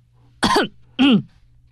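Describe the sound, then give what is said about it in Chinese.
A man forcefully clears his throat twice before reciting poetry aloud, two loud, rough bursts separated by a short pause, with a faint low hum in the background. “接着他使劲儿清清嗓子，便大声朗诵起来。”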